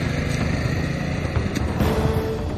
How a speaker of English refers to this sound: Benny got on his moped and fled through the fields.